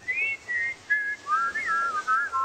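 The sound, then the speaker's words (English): A clear, tuneful whistle rising and falling in short melodic phrases, several notes in quick succession, steady in loudness with no talking. “They're whistling for cheetahs.”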